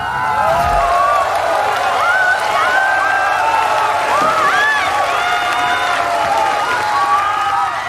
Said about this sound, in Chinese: 接下来让我们掌声有请这位传奇的男子